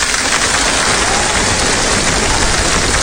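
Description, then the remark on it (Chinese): A dense, steady wash of audience applause fills the whole stretch, many hands clapping at once at a loud, even level, with no voices rising above it. “谢谢大家热烈的掌声。”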